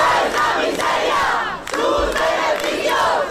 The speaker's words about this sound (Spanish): Càntics de protesta entre els milers de persones que romanen des de fa diversos dies i que també s'han produït en la resta d'acampades.